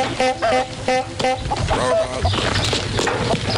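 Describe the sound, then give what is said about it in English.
Chickens on a farm cluck in a quick run of short, nasal calls, fairly loud, then the clucking blurs into a denser low rumble as an old car drives through the farm. “Why is there chickens there? There's just chickens there.”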